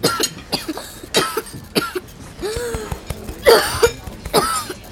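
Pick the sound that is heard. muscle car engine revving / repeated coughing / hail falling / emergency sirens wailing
repeated coughing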